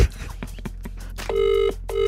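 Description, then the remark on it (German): An unfamiliar foreign telephone ringing tone of an outgoing call abroad, said to sound like Bali: a few soft clicks, then two steady, buzzy mid-pitched tone bursts separated by a short gap, the second still sounding at the end. “Oh, das klingt nach Ausland, ja. Das klingt nach Bali.”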